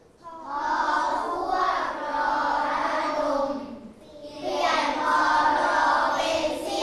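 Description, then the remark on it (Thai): A group claps in praise of a child who read well on their own, in two sustained bursts of dense, steady applause with a short lull between them, while children's voices cheer and call out underneath. “ปรบมือยอดเยี่ยมอ่านเองเก่งจังเก่งมากนะครับ”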